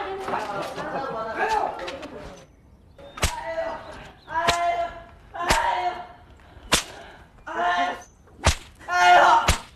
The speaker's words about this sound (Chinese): 我倒要看看你小子皮有多厚，能进得住老娘几鞭子！